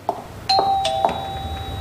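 A doorbell chimes, a short run of bright electronic tones struck in quick succession, then left ringing and slowly fading into quiet, with no voices.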